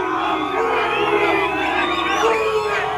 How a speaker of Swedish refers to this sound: Ja, utanför hotellet ackompanjerades den engelska spelarbussen av intensiva burop från mexikanska supportrar.